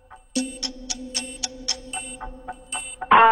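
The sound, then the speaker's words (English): A game-show countdown ticks steadily over a low sustained tone for about three seconds, then a loud, harsh quiz buzzer cuts in abruptly at the end, sounding before an answer could be submitted. “Well, we got buzzed before you could submit an answer.”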